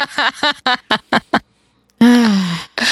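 A goose honks: a quick run of short, nasal honks, a pause, then a longer drawn-out honk that sags in pitch before one more call begins.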